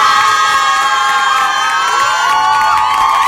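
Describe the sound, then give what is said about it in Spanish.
A loud crowd cheers and shouts continuously, with many high excited voices, including children, whooping and yelling together in a dense, sustained roar throughout, applauding the SpongeBob (Bob Esponja) cartoon. “Vámonos, un aplauso para el Bob Esponja, men.”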